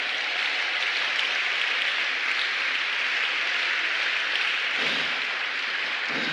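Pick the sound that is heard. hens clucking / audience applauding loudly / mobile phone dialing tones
audience applauding loudly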